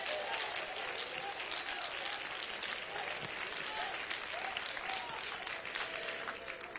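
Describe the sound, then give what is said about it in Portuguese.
An audience applauds Jesus loudly and steadily, a dense, continuous wash of many hands clapping that holds at full strength for several seconds with faint voices mixed in. “Pode sentar, pode sentar e louva o Senhor com as mãos, mas dê uma salva de palmas bem forte para Jesus.”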